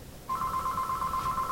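A telephone rings for an incoming call from a caller phoning in: a steady, warbling electronic tone that starts after a brief quiet moment and carries on at a clear, fairly loud level, with no one speaking.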